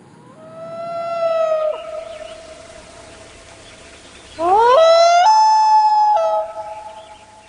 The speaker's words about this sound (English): Common loons prefer lakes with islands that offer some protection from predators while nesting.